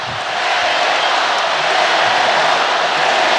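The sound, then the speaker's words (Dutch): A stadium crowd at a football match between Belgium and Senegal cheers on the Senegalese team in a steady, loud, unbroken roar of many voices, with no distinct speech standing out. “Publiek moedigt, als ik dat goed begrijp, de Senegalezen aan.”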